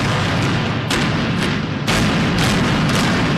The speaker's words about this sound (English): With two series of explosions, the 19-story Sheraton Hotel collapsed in a cloud of dust as it was imploded today to make room for a third Lowe's Hotel in Arlington's entertainment district.